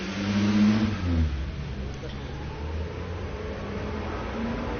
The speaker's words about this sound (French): Le feu de la rue du Four devient vert. Passe un camion Yoplait. Un camion des Literies Saint-Germain. Un taxi, une moto, un taxi, une moto. Une petite voiture blanche, une camionnette grise.